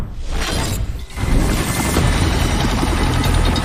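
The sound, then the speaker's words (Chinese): A loud, steady roar of a military helicopter with a rough, churning texture, briefly dipping about a second in before surging back stronger and holding to the end. No voices. “那在战斗机、加油机、预警机之外呢，在美国对伊朗的军事行动当中，美军还损失了大量直升机。”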